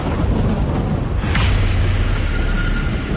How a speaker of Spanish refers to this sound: Lo hacen bajo una poderosa tormenta.